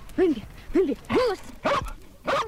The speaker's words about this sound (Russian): Бема, Коли в огненно-рыжих пятнах. Собака доброго нрава.